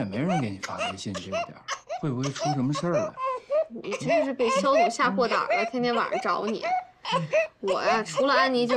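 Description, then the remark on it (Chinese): A baby who will not go to sleep cries in repeated, wavering bursts that barely pause for about nine seconds, while an adult voice talks softly over the crying. “你又哭又不睡”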